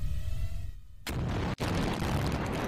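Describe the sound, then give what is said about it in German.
Explosive charges detonate in the demolition of a motorway bridge, including on its left side: a sudden loud blast after a low rumble, followed by a sustained roaring, crackling wash of noise that briefly cuts out before continuing. “Hier ist deutlich zu erkennen, auch im linken Bereich finden Explosionen statt.”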